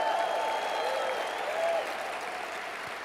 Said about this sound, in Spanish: Si le van a dar un aplauso a Dios, si le van a dar un aplauso al Rey de Reyes y Señor de Señores, al Dios Todopoderoso. Si le vas a dar un aplauso a papá, yo creo que tú lo puedes hacer mejor, Agua Viva.